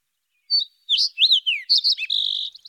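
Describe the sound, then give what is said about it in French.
A sparrow chirps in a quick series of bright, high notes and short trills, ending in a sustained buzzy twitter, clear and alone with no voices. “Nous allons traverser des plaines, des montagnes, des forêts à la recherche du moineau conteur, car oui, cet opéra est dans le bec d'un moineau. Le voici.”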